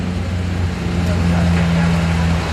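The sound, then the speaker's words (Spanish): Fire engines and emergency trucks rumble past at a fire station in a continuous coming and going, their heavy engines producing a loud, steady low drone, with muffled voices faintly audible underneath. “Es el continuo ir y venir de los camiones autobomba, de los camiones de emergencia.”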